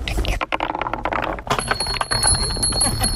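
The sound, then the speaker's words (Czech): Small bells on a wooden marble run in the park in Zámostí by the river in Česká Třebová ring out bright and high partway through, their tones lingering over the rolling clatter of the marble run, with voices faintly heard. “Mně se líbí na tom, že nejsou k tomu i nějaký i ty zvonečky.”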